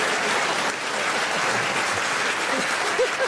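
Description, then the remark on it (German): Steady, dense applause from the audience of the Tippi-Talk for Nikolaus Blume, a continuous wash of many hands clapping at an even, fairly loud level throughout, with a few faint vocal sounds from the crowd near the end. “Marieke Reimann, ich kann Ihnen sagen, Sie haben es geschafft, Nikolaus Blume so aus der Reserve zu locken, dass er den größten Applaus in der Geschichte des Tippi-Talks bekommen hat.”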